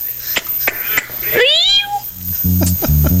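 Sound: cat meowing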